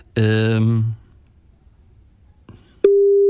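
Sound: telephone ringing tone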